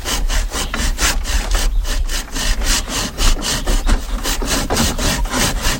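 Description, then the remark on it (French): A hand saw cuts through wood in steady back-and-forth strokes, each rasping pass bright, repeating at an even rhythm of roughly three strokes per second with no voices. “Je te laisse scier.”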